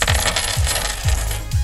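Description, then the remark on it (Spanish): Loose buttons from a sweater clatter like coins, dropping in four evenly spaced bursts over a steady bright jingling, fairly loud with no voices. “debería ser dinero esto. Sonarán como monedas.”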